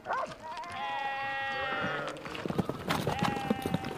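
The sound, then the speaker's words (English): A sheep on a narrow, steep mountain path lets out a long, wavering bleat, followed by a shorter second bleat amid scuffling and clattering sounds of movement. “This section is a little dangerous because the sheep sometimes dislodge rocks.”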